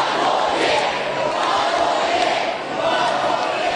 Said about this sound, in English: The Lions coach and players presenting the cup to thousands of fans following their three-peat victory at the weekend. Supporters letting Fags know they want him at the helm in 2027.